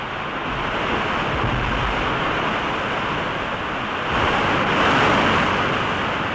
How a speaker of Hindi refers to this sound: ये देखिए, इस नदी पर ये पहला निर्झर है यानी जलप्रपात।